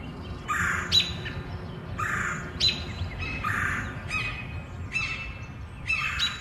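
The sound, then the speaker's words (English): Birds chatter and call back and forth in the Forest Hills treetops, a busy mix of sharp chirps and harsher squawks repeating every second or so over a low, steady outdoor hum. “Chatter in the Forest Hills treetops.”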